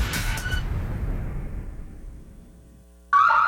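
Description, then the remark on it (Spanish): A low rumble fades to near silence, then a loud Alarmex security alarm, activated in zone 7, suddenly blares in near the very end, a harsh warbling tone that cuts in abruptly. “Recibimos activación de la zona 7. ¿Está todo en orden?”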